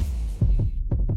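Heartbeat thumping in a steady lub-dub rhythm, low and muffled, with several beats over a faint background hum and no talking.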